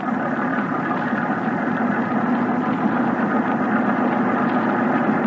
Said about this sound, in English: She could be a Thornycroft MTB. A little small, though. Ahoy! Motor boat!